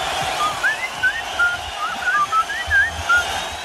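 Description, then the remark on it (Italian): A melodic human whistle plays a quick tune of about a dozen short, bright notes that slide up and down in pitch, heard over a steady hissing background with no talking. “È suo quel fischio famoso?”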